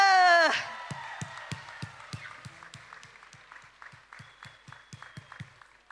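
A held musical chord ends a song on a stage. Then the audience breaks into steady, evenly paced clapping that stays moderately loud before slowly thinning out.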